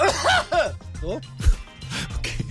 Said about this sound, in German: Lustiger wäre es gewesen, wenn ich jetzt so richtig schlimm im On gehustet hätte. Weißt du, so.